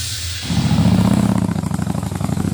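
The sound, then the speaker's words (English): A motorcycle engine roars to life after a brief pause, revving loudly, then settles into a throbbing, rapid rhythmic rumble. “inviting you to the Lansing Liberty Motorcycle Rally happening June 11th through the 14th in beautiful Lansing, Iowa.”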